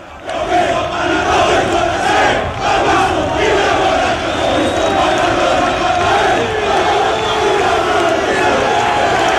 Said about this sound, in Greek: Είναι όταν πήγε στην Νάπολη εδώ που φωνάζουν οι άνθρωποι εκεί Μαραντόνα και Μαραντόνα και έκανε τσαλιμάκια στο γήπεδο, τεράστιος παίχτης.